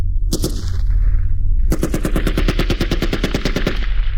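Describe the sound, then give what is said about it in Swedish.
Rapid bursts of machine gun fire: a short opening salvo, a brief lull, then a long sustained string of evenly spaced, loud sharp shots over a low rumbling background. “Efter en stund punkteras tystnaden av maskingevärs eld. Den efterföljs av spridda gevärsskott.”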